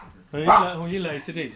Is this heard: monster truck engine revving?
no